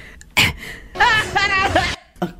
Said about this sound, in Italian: Aspetta, viene il singhiozzo, scusa.